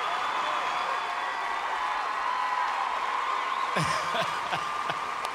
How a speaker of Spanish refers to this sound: ¡Fuerte aplauso! ¡Que se sienta!